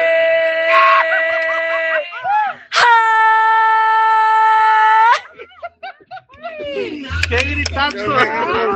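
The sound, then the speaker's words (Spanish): A loud, sustained shout held for a couple of seconds, strong, preceded by excited vocal sounds and followed by lively overlapping voices and laughter-like chatter. “¡Qué gritazo!”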